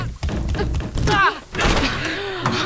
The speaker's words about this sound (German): Na, die Tür geht nicht auf. Dann drück fester, die war letztes Mal auch offen. Ich drück ja schon.